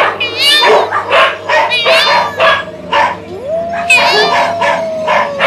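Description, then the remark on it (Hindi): A pair of dogs bark and yelp repeatedly in a loud, overlapping chorus at the door of a hut, with a drawn-out peacock cry rising near the middle and continuing under the barking. “कुत्तों के भौंकने की और मोर के चीखने की आवाजें आने लगती हैं।”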